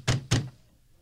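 Guards deliver two heavy knocks on a wooden door in quick succession, each a deep resonant thud, followed by quiet.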